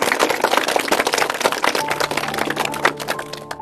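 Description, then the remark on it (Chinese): An audience applauds in welcome for a professor about to demonstrate a recitation, steadily for several seconds, many overlapping hand claps forming a dense, crackling wash of sound at an even, fairly loud level with no voices. “好嘞，我们鼓掌欢迎。”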